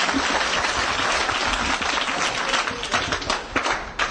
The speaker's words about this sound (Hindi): जी sir, ताली बजाओ sir.